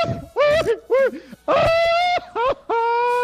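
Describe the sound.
A voice imitates a Mexican-style singer's grito as a finalist's entry in a contest on the radio station Candela: loud, high, wavering yelps in several quick bursts, rising and falling in pitch, with a longer sustained cry in the middle and at the end.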